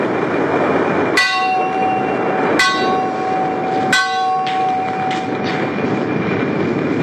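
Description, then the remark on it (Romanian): The large bell on a ship's mast clangs three times at slow, even intervals, each ring humming and fading, followed by a few softer strikes, over a steady rushing background of wind and sea. It is rung at sea in thick fog so the ship does not collide with another ship. “Sunetul lopotului mare de pe catarg răzbătea din când în când prin valurile de ceață.”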